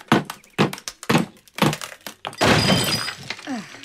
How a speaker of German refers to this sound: So, drei Hämmer, drei Meißel, den Meißel an die Wand, Hammer drauf und dann...